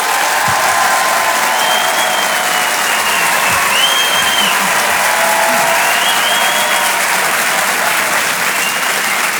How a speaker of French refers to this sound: Tonnerre d'applaudissements, s'il vous plaît,